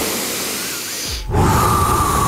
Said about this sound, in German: Tief in den Bauch atmen. Ja. Ich höre dich nicht atmen? Ja, ich atme. Ich atme dir nochmal vor mit.